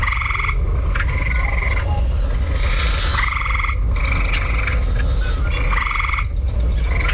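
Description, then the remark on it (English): A gray tree frog in a backyard in Lake Manitoba gives loud, repeated trilling calls, each lasting about a second, over a steady chorus of other frogs and insects. No one speaks. “record some audio, like Maurice in Lake Manitoba did when he spotted a gray tree frog”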